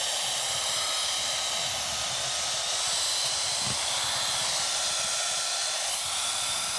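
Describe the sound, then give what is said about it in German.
An electric hand mixer whips egg yolks with sugar and vanilla sugar until smooth and foamy, whirring steadily and loudly, a constant high-pitched motor whine with no pauses and no voices. “Jetzt nehme ich den Zucker mit dem Eigelb und etwas Vanillezucker, leckere Vanillezucker.”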